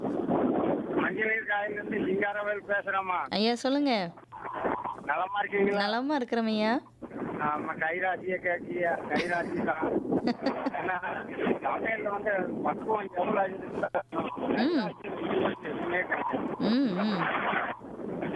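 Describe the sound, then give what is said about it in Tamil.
Wind buffets a phone microphone, a steady rough rumble running beneath a caller who talks throughout over a narrow, telephone-quality line. “காற்று அடிக்குது”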